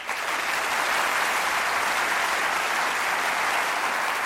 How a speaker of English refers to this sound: Just as I expected, that was a very warm reception, and I'm sure Watson would have appreciated the applause except for one thing.